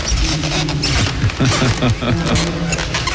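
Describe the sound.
Wooden floorboards creak and groan underfoot in a run of drawn-out, squeaky moans as someone walks, close and fairly loud, with faint voices murmuring in the room.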